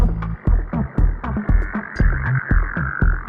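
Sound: frogs croaking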